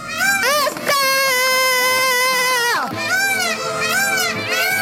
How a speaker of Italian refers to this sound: Questo è il servizio che ha scatenato l'epidemia del pavone, il terrore per aiuto. Il pavone. Eccoli.